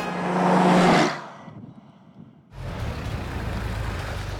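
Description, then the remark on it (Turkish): A car engine roars loudly for about a second, drops to a quiet lull, then settles into a steady low rumble of the car driving along on a test drive; the car has a transmission problem. “Vay canına, gerçekten çok keyifli bir deneme sürüşüydü.”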